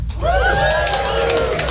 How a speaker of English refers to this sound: I mean, actually, I wonder how many people we have got in relationships. People in relationships, give me a cheer.